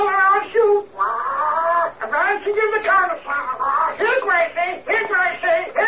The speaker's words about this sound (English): It's a parrot, Skip.